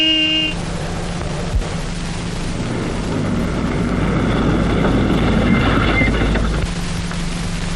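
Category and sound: vehicle, car arriving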